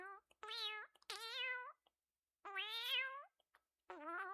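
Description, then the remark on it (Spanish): A cat meows four times in quick succession, loud, with rising, drawn-out cries separated by short pauses and no other sounds around them. “Ah, bueno, si es que eres un gato muy especial.”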